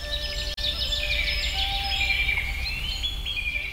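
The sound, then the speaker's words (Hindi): Several birds chirp and twitter continuously in the morning in a dense, overlapping chorus, with bright high-pitched trills and whistles over a low, steady outdoor rumble. “सुबह पक्षियों के चहचहाने की आवाजें मन को मोह लेती हैं”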